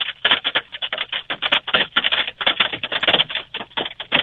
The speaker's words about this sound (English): And you're just about to get into probably the nastiest part of it. And we can certainly hear the hailstorm stones hitting your vehicle there right now.